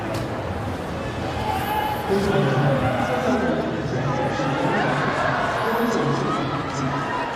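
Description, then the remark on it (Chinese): A large tennis stadium crowd roars and cheers in a dense, steady wash of noise that holds loud for the whole stretch, with a swell of excitement partway through and no single voice standing out; the crowd is fired up by Son Heung-min after Gauff's return goes into the net. “现场的观众真的是被孙兴慜给点燃了。”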